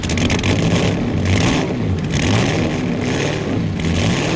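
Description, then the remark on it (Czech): A newly assembled racing car engine revs loudly, its roar swelling and easing in repeated pulses about once a second, with a dense, gritty rumble throughout and no voices. “Slyšíš? Kluci už to dali dokupy. To je nádherný zvuk, úplná hudba.”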